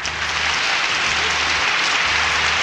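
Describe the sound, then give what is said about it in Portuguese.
Sustained applause for teachers from a crowd, a dense steady wash of many hands clapping at an even loudness throughout, with no voices standing out. “Mais palmas, oi, oi!”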